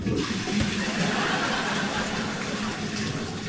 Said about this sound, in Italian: Dici questa che sto usando per pulire gli schizzi di feci fluide da dentro la tazza del cesso?